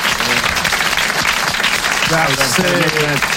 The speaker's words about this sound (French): Vous l'applaudissez très fort. Bravo, l'abbé.